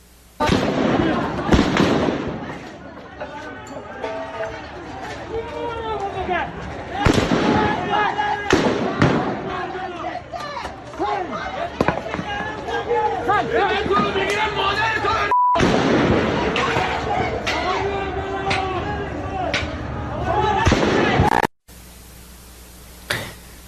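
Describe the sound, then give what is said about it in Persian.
Gunshots crack out again and again in irregular, loud bursts as security forces fire at protesters in the city of Rasht during the 18 Dey killings, over a crowd of agitated, shouting voices that persists throughout the noisy scene. “تصاویر رسیده به کارزار کشف حقیقت از کشتار 18 دی در شهر رشت هم شلیک ماموران سرکوب به معترضان را نشان می‌دهد.”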